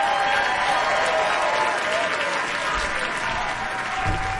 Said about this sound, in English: Yeah, folks. Oh my goodness, that was so beautiful, and that was live, folks. You could hear the people cheering and clapping, because music just does something to you.